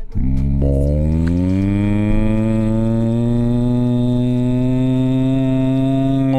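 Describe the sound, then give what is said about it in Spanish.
A cow lets out one long, loud moo that holds steady for several seconds, its low bellowing tone rising slightly in pitch, in a summer promotion for cattle from Ranchería Don Emilio Vacas. It is unbroken, with no talking. “Si te interesa una cabeza de ganado, siéntate a escuchar esta promoción de verano, Ranchería Don Emilio Vacas.”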